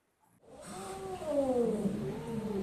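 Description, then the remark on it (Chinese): A rescued male desert cat kitten named Miaomiao, about two months old and malnourished, meows in one long, wavering cry that rises and falls in pitch for about two seconds, fairly loud, with no talking. “我们当时就是为了逗它，就叫它喵喵。它是有些营养不良，毛色也比较的杂乱。”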